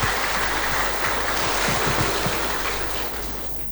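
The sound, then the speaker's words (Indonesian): A steady wash of crowd applause at a peaceful campaign declaration event for the 2026 Sangihe election, many hands clapping together in a dense, hissing roar that holds at an even level before thinning slightly toward the end. “Terima kasih, tepuk tangan untuk kita semua.”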